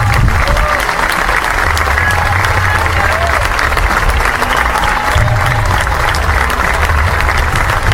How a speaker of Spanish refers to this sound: Me dijeron golpista, me dijeron de derecha, soy soldado latino, aprendí a mamar esta tierra y espero que aplaudan por el maestro de la escuela pública, por eso aprendí a mamar esta tierra.